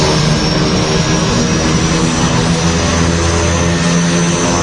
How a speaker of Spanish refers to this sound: Y todo a un montón de pies del suelo y con el sonido de los motores de fondo.